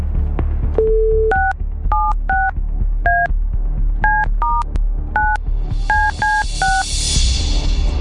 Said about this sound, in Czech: Tak poslední účtenka tohoto týdne je připravena, respektive poslední SMSka, do které píšete ty účtenky, a na číslo, ze kterého ta SMSka přišla, právě teď začínám volat.